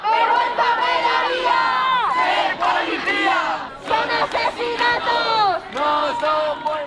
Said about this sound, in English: Hundreds of protesters have demonstrated outside Parliament in Madrid after an 87-year-old woman who became a symbol of Spain's housing crisis died. Crowds marched from a central square chanting, "This is not a death, it's a murder."